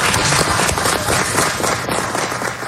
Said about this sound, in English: Now, the reason you hear a lot of clapping, and normally you wouldn't in those situations, they'd be pretty divided, is a huge swath of the audience, we come to find out later in the hearing, are people who lost their jobs or their businesses